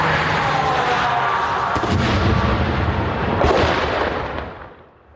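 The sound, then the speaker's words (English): A drone strike explosion in Ukraine targeting an armoured vehicle, shrapnel landing on tarmac: a loud, sustained roaring blast with two sharp cracking bursts partway through, then the rumble fades away at the end. No voices. “You could hear the shrapnel landing on the tarmac, clearly targeting that armoured vehicle.”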